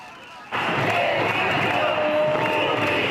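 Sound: protest crowd shouting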